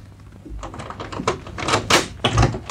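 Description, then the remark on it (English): A quick series of sharp metallic clicks and rattles from a door lock being worked, with low thuds as the door is pulled open. No one speaks. “I locked the door.”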